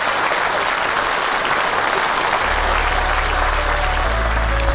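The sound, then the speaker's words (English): A steady round of applause from a sizeable crowd, dense continuous clapping filling the whole stretch at a fairly loud level, with no voices standing out. “So a round of applause to all you lot as well for taking part.”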